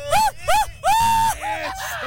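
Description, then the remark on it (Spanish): A lone voice belts out a contestant's best mariachi grito for a 15 September celebration: two quick, high arching yelps followed by a longer sustained wail that wobbles and trails off, loud and without other talk. “Oye, a ver, échate tu mejor grito de mariachi.”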